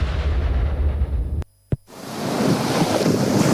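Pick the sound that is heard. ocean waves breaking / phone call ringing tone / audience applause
ocean waves breaking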